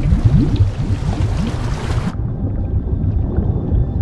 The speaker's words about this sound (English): Harry's nervous gaze drops to the water, which bubbles beneath Dumbledore's reach.